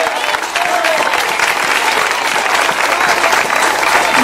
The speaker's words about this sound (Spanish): Debe verte ese aplauso si es para él.